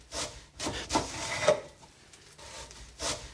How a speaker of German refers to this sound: Dann schnipple ich das Brot in ganz dünne Scheiben. Ich muss nur aufpassen, dass ich mich nicht schneide.